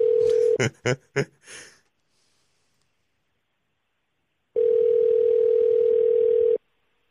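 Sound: telephone ringback tone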